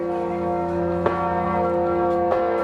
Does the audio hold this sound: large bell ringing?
yes